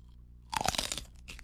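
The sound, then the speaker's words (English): A crisp crunch of a man taking a big bite of a very hot chile pepper, a loud burst of crackling chews followed by a softer crunch a moment later, with no talking. “She's chewing. He's chewing it.”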